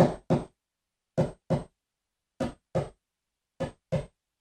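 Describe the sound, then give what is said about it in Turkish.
Four evenly spaced pairs of sharp, knock-like thumps tap out the steady double-beat rhythm of a human heartbeat, each pair about a second apart, with silence between and no voices. “Kalbiniz atıyor.”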